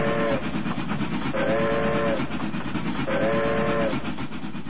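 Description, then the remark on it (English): A train rumbles loudly and steadily while its whistle sounds three evenly spaced blasts, each about a second long. No one speaks. “When you think about it, travel by train really kicked off the American vacation experience.”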